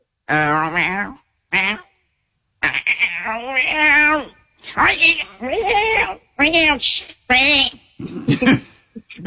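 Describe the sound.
A person mimics a cat meowing, producing a run of fairly loud vocal meows with bending, wavering pitch, separated by brief pauses.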